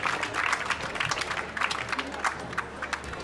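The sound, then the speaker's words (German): A crowd applauds steadily to welcome guests from Villach, many hands clapping in a dense, continuous patter at moderate loudness, with a faint murmur of voices underneath. “Applaus aus Villach.”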